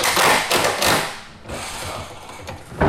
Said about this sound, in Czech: Místo houslí nebo klavíru se barokní zahradou Českokrumlovského zámku ozývají zvuky kladiv a vrtaček. V prostorách letní jízdárny se teď dolaďují poslední detaily před zahájením programu Festivalu Krumlov.